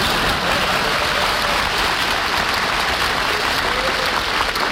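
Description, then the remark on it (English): Steady, loud applause from an audience for a man's mother who has just been introduced, a dense wash of many hands clapping at once that holds evenly for several seconds without any voices over it. “Will you wait for him to applaud for his real mother, please?”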